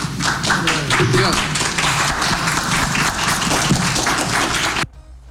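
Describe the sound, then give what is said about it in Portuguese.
Journalists give Bubista a standing ovation at the end: a crowd bursts into sustained, dense applause, many hands clapping loudly at once with murmured voices mixed in, continuing steadily for about five seconds before cutting off abruptly. “E eu fui um dos jornalistas que aplaudiram em pé o Bubista ali, que puxaram esses aplausos no final.”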